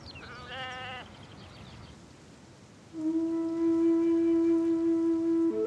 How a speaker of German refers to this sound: Wie vor Hunderten von Jahren ziehen Hirten in den Karpaten mit ihren Schafherden durch die Landschaft. Viele Hochweiden Transsilvaniens haben keine Zäune.